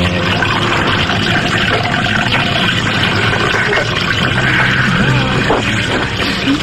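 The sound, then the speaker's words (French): A steady fizzing pour of cola into a glass with ice, a continuous bubbly hiss and gurgle lasting several seconds, with faint voices murmuring underneath. “Un petit coca ou un... Coca, très un bien. Un coca avec des glaçons.”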